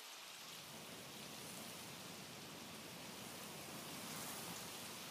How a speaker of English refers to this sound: It's finally raining after months.